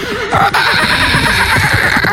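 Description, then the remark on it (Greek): A person imitates a horse's neigh with their voice: a loud, quavering whinny whose pitch wobbles rapidly up and down, then trails off into rougher breathy sounds for about two seconds. “Ναι, αλλά άκου τον καλμασμό, πώς τον κάνω τον καλμασμό, ωραία.”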